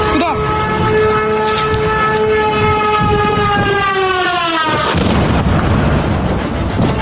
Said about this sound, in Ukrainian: Російський дрон вибухнув поруч із моєю колегою